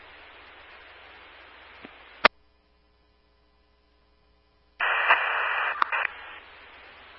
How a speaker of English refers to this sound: heavy static unreadable.